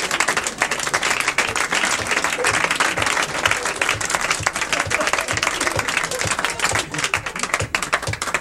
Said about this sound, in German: Jetzt klatscht er.